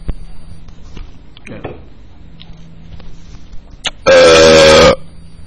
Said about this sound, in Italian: Minchia, non mi è uscito bene sto rutto, niente.